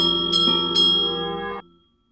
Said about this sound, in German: Ungestüm riss Mesle-Thierry an der Glocke.